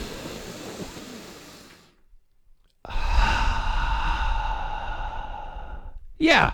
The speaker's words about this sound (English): all you really need to do is take a big breath